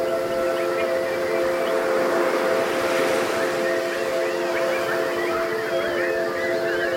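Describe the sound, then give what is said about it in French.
A crowd of people whistles and chirps in imitation of birdsong, many overlapping calls filling the whole stretch over a steady sustained low tone, fairly loud and continuous. “Est-ce que vous pouvez pour moi chanter tels des oiseaux, s'il vous plaît?”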